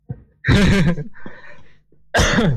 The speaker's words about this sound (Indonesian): Aduh batuk.